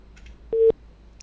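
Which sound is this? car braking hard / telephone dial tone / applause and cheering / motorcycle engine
telephone dial tone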